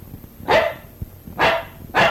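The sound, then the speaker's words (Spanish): A dog in the back seat of a car barks three times, loud, with uneven gaps between the sharp yaps over a low, steady background rumble. No one speaks. “Tranquilo, ve el perrito en el asiento de atrás, bella.”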